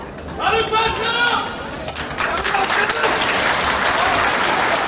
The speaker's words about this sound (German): Vielleicht auch eher ein halbes Fußballfeld, aber als dann die ersten Angeklagten den Gerichtssaal betreten, heftiges Winken und Namenrufen von einem Ende des Saales zum anderen, jeder Inhaftierte erhält seinen Applaus.